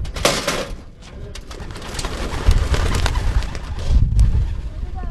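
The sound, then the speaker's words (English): A burst of fluttering wings as a flock of racing pigeons is released together from two boxes in the back of a pickup truck for a practice lap, followed by continued flapping and a few soft coos outdoors, with low rumbling background noise. “it was time to give some of the pigeons a quick practice lap. We headed outside, where two boxes of birds sat in the back of a pickup truck.”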